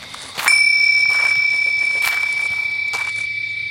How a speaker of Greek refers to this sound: Τα ακούσαμε όλοι αυτό, έτσι? Ναι! Πώς γίνεται να χτύπησε κουδουνάκι? Πώς είναι δυνατόν? Ηρεμήστε ρε παιδιά, ο αέρας θα ήταν. Ποιος αέρας? Δεν φυσάει καθόλου!